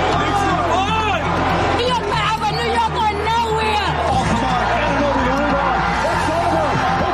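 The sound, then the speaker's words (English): A large crowd in New York celebrates the New York Knicks winning the NBA championship against the San Antonio Spurs in the morning, ending a 53-year drought. Loud, continuous cheering, shouting and overlapping voices form a dense roar that holds steady for several seconds. “The city filled with tears, cheers, and a lot of blue and orange this morning.”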